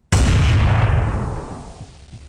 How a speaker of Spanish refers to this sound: escuchan dos disparos.